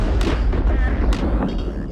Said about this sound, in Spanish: El sonido de un trueno